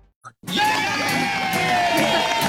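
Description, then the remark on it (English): A brief sound precedes a sudden burst of crowd cheering and hooraying, a loud, sustained roar of many voices with whoops and shouts layered together. “Whether you're buying or selling your home, you always want it to end with a big hooray.”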